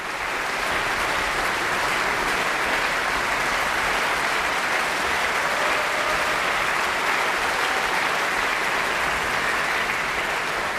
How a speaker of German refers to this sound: Und Jubelrufe hat das Publikum auch für das Mahler Chamber Orchestra und den Dirigenten Maxim Jemiel-Janicev bereit.